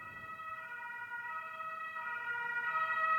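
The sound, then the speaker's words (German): An ambulance siren wails steadily from outside, its sustained tones growing slightly louder and shifting pitch as it approaches, with faint low road rumble underneath and no one speaking. “Ich hoffe, der Person geht's gut, weil es ein Krankenwagen ist.”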